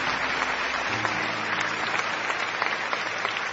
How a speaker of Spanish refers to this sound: Aplausos al Señor. Amén.